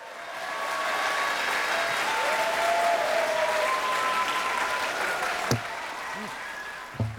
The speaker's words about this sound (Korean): 우리 귀명창들과 함께 멋진 취임새와 함께 청월함 일곱 번째 공연 첫 마당부터 만나보시겠습니다. 박수로 환영해 주세요.